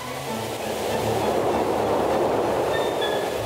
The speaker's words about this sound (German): Der Zug kommt.